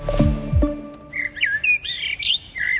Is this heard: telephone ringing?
no